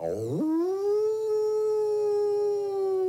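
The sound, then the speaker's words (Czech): A large grey wolf howls once, sweeping quickly upward and then holding a long, steady, mournful note for about three seconds, loud with no talking. “Tu se k němu přitovarišil veliký šedivý vlk a lichotil se k němu jako pes.”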